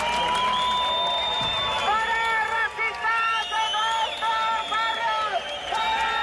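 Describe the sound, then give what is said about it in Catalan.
A large crowd of antifascists in Plaça Sant Jaume, Barcelona, shouts rhythmic chants in unison at members of a supremacist group, with cries of «no passaran» and «fora feixistes als nostres barris», loud and sustained, with repeated rising cries over a constant roar of many voices and brief pauses between phrases. “Una hora més tard han arribat els membres del grup supremacista, que han estat escridassats pels antifeixistes, amb crits de «no passaran» o «fora feixistes als nostres barris».”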